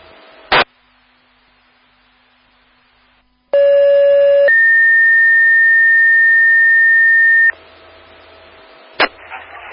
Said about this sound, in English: Again, South Hammond toning out a still alarm at 16480M140 for a line down over the road.